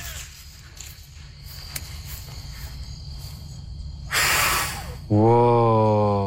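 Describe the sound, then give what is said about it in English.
A child blows one sharp, breathy puff on a dandelion to blow off its seeds, lasting about a second, with low background hum before it, and a loud sustained voiced sound follows right after. “And we took a dandelion and we tried to blow off all the seeds, but only one side would come off.”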